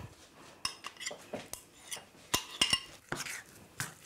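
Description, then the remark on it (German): A utensil scraping and stirring peanut-paste dough by hand in a bowl, without a mixer, as it becomes a smooth dough, with repeated sharp clinks and taps of metal against the dish at an irregular pace, fairly quiet, without any voices. “Ja, jetzt wird das eigentlich schon zu einem glatten Teig. Ne? Das braucht man eigentlich keinen Rührstab für oder keinen Mixer.”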